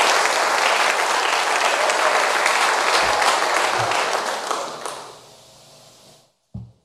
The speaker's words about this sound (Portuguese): Palmas para Jesus. Aplausos.